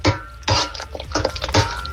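Metal pots and pans clatter and clank in several sharp bursts, with scraping and rattling in between, as someone busily cooks with the cookware on a stove. No one speaks.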